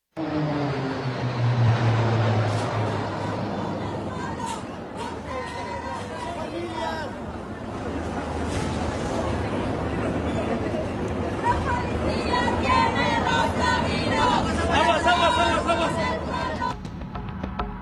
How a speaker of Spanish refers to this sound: los gritos de gol y los aviones de la Fuerza Aérea Mexicana daban un espectáculo con los colores de la bandera